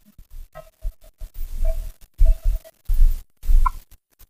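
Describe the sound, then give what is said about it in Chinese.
A villager's large goose honks repeatedly in short, nasal bursts, the calls coming in an uneven rhythm, fairly loud, with no talking. “对付老乡的大鹅，好不好？”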